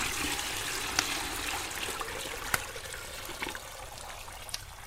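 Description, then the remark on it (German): Hot water pours steadily into a wooden tub, a continuous rushing splash with a few sharper drips and clunks breaking through, with no one speaking. “Ja, da stehen sie gut. Das Wasser ist auch heiß genug.”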